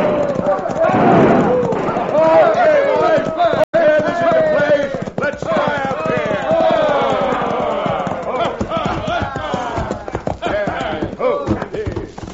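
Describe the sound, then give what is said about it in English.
A crowd of hoodlums thunders into the town of Dos Rias on galloping horses, many men whooping and hollering loudly over the steady hoofbeats, with a few sharp gunshot cracks as they fire their guns. “It all started when a crowd of hoodlums rode into Dos Rias, airing their lungs and triggering their guns.”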